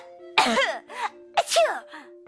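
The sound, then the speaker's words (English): Two loud, open, uncovered coughs from a person demonstrating how not to cough, each a sharp burst followed by a raspy tail, spaced about a second apart, with a faint steady hum underneath. “When we cough like that, we get germs everywhere.”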